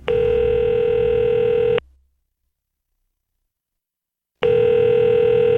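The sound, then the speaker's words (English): A telephone line rings through the earpiece during a call made from a bathroom to a girlfriend's father: two long, steady electronic buzzing tones separated by a pause of silence, loud, with no voices. “What I saw on the kitchen table filled me with fear, and I grabbed the phone and took it into the bathroom where I called my girlfriend's dad, a Christian, but a man who didn't even like me.”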